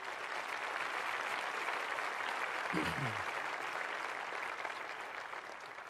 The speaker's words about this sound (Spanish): Dale fuerte ese aplauso al Señor, claro.